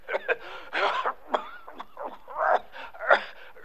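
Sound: a man coughing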